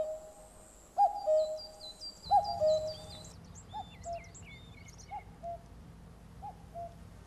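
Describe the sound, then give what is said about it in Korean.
A common cuckoo calls its two-note song several times, strong at first and then softer, while small birds twitter higher up and a low steady rumble runs underneath. “사람이 사는 곳 주변에서 뻐꾸기가 자주 눈에 띄는 건 바로 이 숙주를 따라왔기 때문입니다.”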